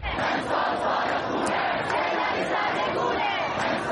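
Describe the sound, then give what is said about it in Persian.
A large crowd of students at Iranian universities chants slogans in unison against the Supreme Leader and the Islamic Republic, protesting the death of Mahsa Amini in Mehr and Aban 1401, a dense, loud roar of many voices that stays steady and unbroken for the whole stretch. “سمت و سوی شعارهای دانشجویان رهبر نظام و کلیت جمهوری اسلامی بود.”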